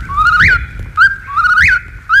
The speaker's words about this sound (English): Now, if you're quiet, I think you can hear the whippoorwill in the distance. Here he comes.